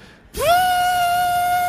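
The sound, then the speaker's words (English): A voice imitates a kettle of water left heating on a stove burner: one sustained, piercing whistle that swoops up in pitch at the start, then holds a steady high tone, loud and alone with no talk. “And then I realize, the kettle on the fire.”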